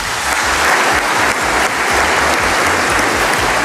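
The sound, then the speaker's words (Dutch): An audience applauds steadily for a singer, a dense, loud wash of many hands clapping with no pauses and no voices standing out. “En toen kwam inderdaad een allereerste applaus”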